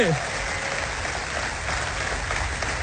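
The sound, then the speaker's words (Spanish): A large crowd applauds steadily, a dense, even wash of clapping that holds at the same strong level for about three seconds, with a brief voice or cheer at the very start. “Vamos, si le vas a dar un aplauso, dáselo más fuerte.”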